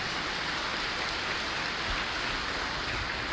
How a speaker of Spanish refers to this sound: Tienen ganas de aplaudirle al Señor, ¿verdad? Pues denle uno fuerte. No se queden con ganas.